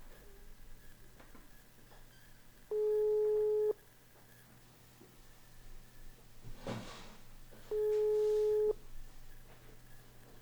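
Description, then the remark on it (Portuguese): An outgoing call's ringback tone while calling a randomly drawn phone number for a prize: two steady one-second electronic tones about five seconds apart, clear and moderately loud over a low hum, with a brief clatter between them. “Atendo o telefone.”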